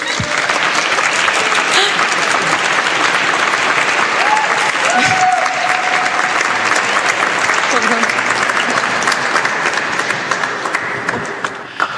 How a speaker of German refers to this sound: Ein Applaus bitte.